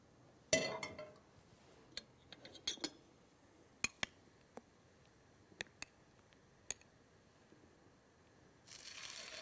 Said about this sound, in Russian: Слышите, как красиво жарится? Какой прекрасный звук. Это готовятся наши полезные оладьи без глютена.